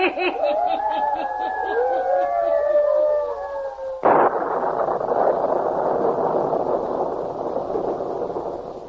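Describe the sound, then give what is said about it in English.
Wavering, whistling howls like storm wind from a small electrical storm give way halfway through to a sudden loud thunderclap, followed by a heavy, sustained rumble that rolls on to the end. “Matter of a small electrical storm should not trouble you all, sir.”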